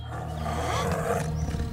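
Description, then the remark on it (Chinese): A deep, rumbling tiger roar sustains for nearly two seconds, loud, with a growling low rasp that swells slightly midway and carries on without any talking. “这次老虎走到董凤跟前，嘴里还衔着他的那一捆柴。”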